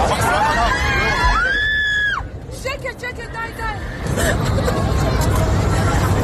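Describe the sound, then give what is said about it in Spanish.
Airplane passengers screaming in panic on a flight from the United Arab Emirates to Israel, where the co-pilot stabbed the pilot and tried to crash the plane; 174 passengers aboard, mostly Israelis. A dense wash of frightened shouts and high wailing cries rises over constant cabin noise, loud and chaotic, with a brief lull before swelling again. “Son los gritos del pasaje de un avión que volaba ayer de los Emiratos Árabes a Israel y en el que el segundo piloto apuñaló al primero e intentó sin éxito estrellar el avión con 174 pasajeros a bordo, la mayoría israelíes.”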